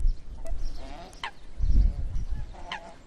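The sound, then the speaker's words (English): Migratory demoiselle cranes call with a few harsh, honking trumpet notes, scattered, over a low rumbling wind noise outdoors on the Dornod steppe in summer, during mating season. “The demoiselle crane is a migratory bird that visits the Dornod steppe.”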